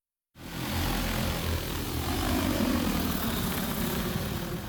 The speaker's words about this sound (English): Drones capture detailed images so AI can determine the size and origins of water bodies. Water that was previously difficult to see is uncovered.